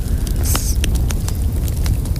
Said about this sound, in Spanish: Cayendo chispas de la fogata.